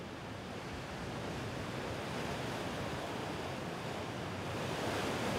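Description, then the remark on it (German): Steady roar of sea surf mixed with gusting wind at Cape Lindesnes, between the North Sea and the Skagerrak, where wind and current meet, a dense continuous wash of noise that swells slightly louder toward the end, with no voices present. “Durch das Aufeinandertreffen von Wind und Strömung ist das Kap Lindesnes für die Schifffahrt anspruchsvoll. Die Kraft der See hier besonders zu spüren.”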